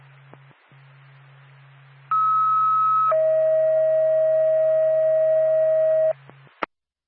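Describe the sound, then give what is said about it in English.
Ambulance dispatch alert tones sent by NORPAC for Whitefield Ambulance: a loud, steady high tone holds for about a second, then drops to a lower sustained tone for three seconds over radio hum, ending with a click. “NORPAC, Whitefield Ambulance, standby for tone.”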